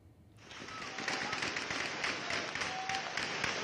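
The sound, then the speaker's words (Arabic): Heavy gunfire erupts after a brief quiet start, a dense, continuous crackle of overlapping shots that stays loud and sharp for several seconds without a pause, heard at night in the city of Azaz, northern Aleppo province, during armed clashes after a fight between local residents escalated to weapons. “إطلاق نار كثيف جاء بعد شجار بين أفراد من المدينة تطور إلى استخدام السلاح، ما استدعى تدخل قوى الأمن الداخلي لفرض الأمن واستعادة الهدوء إلى المنطقة.”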